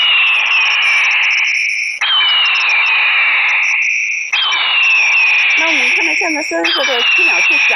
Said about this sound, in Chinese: 随后，记者又组装好了另一款太阳能的大音量闪光驱鸟神器，这种驱鸟神器可模拟大型鹰类叫声来驱赶鸟类。